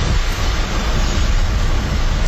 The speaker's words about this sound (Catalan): Som ambient de vent, a prop del mar.